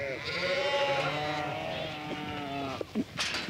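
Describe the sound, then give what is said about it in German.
A flock of sheep, from a shepherd's herd of more than 400, bleats continuously, many overlapping calls layering into a steady, moderately loud chorus, with a few sharper bleats standing out near the end. “Mit 4 Schafen fing Patricia vor 2 Jahren an. Jetzt hat sie mehr als 400.”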